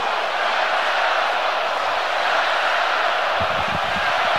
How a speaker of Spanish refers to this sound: Y el estadio responde espectacularmente ante el aplauso del jefe Gian Infantino, posicionado junto a Mikel Arriola en el palco de autoridades, el máximo jerarca de la FIFA, junto al máximo jerarca de nuestro fútbol, Mikel Arriola